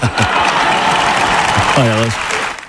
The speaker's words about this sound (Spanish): O esta ovación que impulsó Zapatero a Cerdán cuando ya le rodeaban las sospechas de corrupción.